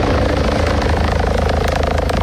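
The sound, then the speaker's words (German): A rescue helicopter in the air, on its way to a mission during summer weather, makes a loud, steady rotor roar, with rapid rhythmic blade thumping pulsing throughout over a broad engine whine. No voices, just the continuous aircraft noise. “So schön wie das Sommerwetter momentan ist, man hört auch momentan immer wieder das in der Luft.”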